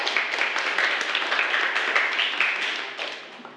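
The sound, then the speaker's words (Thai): A group of students claps together for two classmates who gave a correct answer, a dense, steady burst of applause that keeps up for several seconds before starting to fade toward the end. No one speaks over it. “เป็นคำตอบที่ถูกต้องเลยนะครับจากนักเรียนทั้งสองคนขอเสียงปรบมือให้กับเพื่อนครับ”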